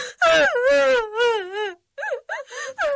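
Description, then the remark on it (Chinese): A woman wails in a long, wavering cry that gradually softens, then breaks into a few short, choppy sobbing bursts after a brief pause before she stops crying altogether. Fairly loud, with no talking. “哭声渐渐小了，继而抽泣起来，最后便完全不哭了。”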